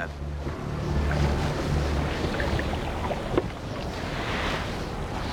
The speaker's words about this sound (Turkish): Rüzgar bu ince ağla balık tutmayı inanılmaz zorlaştırıyor.